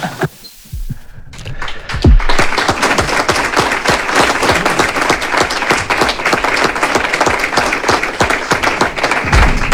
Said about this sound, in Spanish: aplausos para Ernesto Valverde, que está pues saludando aquí a algunos periodistas